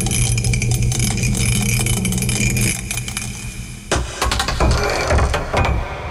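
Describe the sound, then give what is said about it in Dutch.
A die rattles continuously inside a mug over a steady background hum, then is thrown out with a burst of sharp clattering knocks, landing on six. The throw picks a category. Loud, with no talking. “Wij gaan gooien. Daar komt dus de categorie van vandaag uit.”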